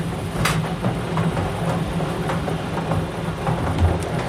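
A bingo ball cage (boulier) for a FM 103.3 radio bingo turns steadily, its balls tumbling in a dense, continuous rattling clatter with a low rumble underneath, holding an even loudness throughout without any voices.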